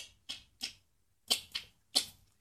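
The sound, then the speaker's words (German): A person makes a series of sharp mouth clicks imitating sperm whale clicks: two pairs and then a single, evenly spaced with short pauses, clear with no talking. “ich klicke jetzt auch mal was und du darfst übersetzen.”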